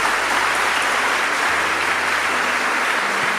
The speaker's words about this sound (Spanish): Denle un aplauso a Cristo el Todopoderoso.